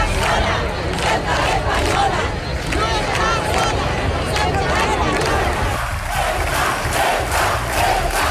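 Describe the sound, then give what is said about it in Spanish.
A large crowd at a street protest in Spain shouts continuously in unison, a dense, loud roar of many voices with rhythmic surges and chant-like pulses, sustained throughout without pause. “Gritos como estos recorrieron ayer las ciudades y pueblos de España.”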